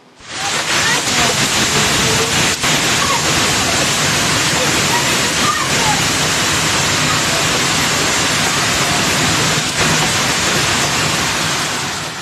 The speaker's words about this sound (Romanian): O furtună violentă cu grindină a lovit orașul Câmpul Lung Muscel din județul Argeș. În doar câteva minute, bucățile mari de gheață de mărimea unui ou au acoperit străzile și trotoarele și au distrus grădinile oamenilor.